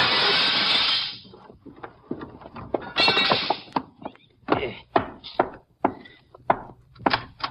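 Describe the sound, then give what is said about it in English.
A window pane is knocked in with a gun, a loud crash of breaking glass, followed by a second crash and a string of sharp knocks and clinks as shards are cleared away, so someone can climb in. “I'll knock this one in with my gun, then I'll climb in and let you in through the door.”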